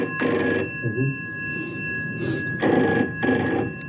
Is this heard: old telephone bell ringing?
yes